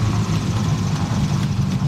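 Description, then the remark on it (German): A steady, low airplane engine idles after touchdown on the runway at Juist, with a continuous droning rumble, heavy in the bass and unchanging in loudness throughout, with no voices over it. “Die Füße sind auf dem Boden, also die vom Flugzeug.”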